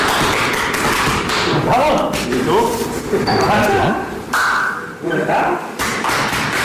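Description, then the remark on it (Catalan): Hard back slaps from a hug land in an irregular series of sharp, loud smacks and thuds, with voices talking and murmuring throughout. “De fet, els cops aquests que escolteu no és que estiguin apallissant a ningú, és que, com ja sabeu, per mantenir la seva masculinitat ferma s'han de pegar molt fort l'un a l'altre quan s'abracen a l'esquena”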